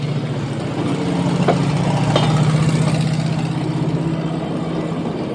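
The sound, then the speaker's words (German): A small car-like rail vehicle labelled Kleinwagen, with no steering wheel, stands on a railway turntable, its engine idling steadily, a low continuous rumble with a faint rattle and a couple of brief metallic clicks, no voices. “Sieht aus wie ein Auto. Ein Schienenauto. Hören wir mal das Schienenauto.”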